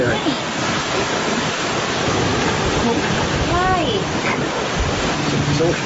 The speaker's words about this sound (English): It's at the home of Dr. Oz, which is a beautiful place, by the way, like right by the ocean. And you can hear it in this clip here.